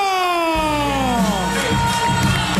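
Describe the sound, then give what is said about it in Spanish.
A large stadium crowd roars and cheers in a sustained ovation for footballer Eric García, number 4, as he is announced, dense and loud, with whistles and rising shouts layered over the steady wall of applause. “Igual, ovación espectacular”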